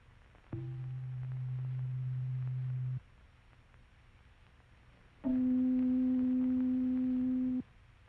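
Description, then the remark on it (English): A tuning fork sounds C below middle C: a steady, pure tone holds low for about two and a half seconds, then after a short silence a louder, higher-pitched tone sustains for about two seconds before cutting off. “And now the sound of C below middle C.”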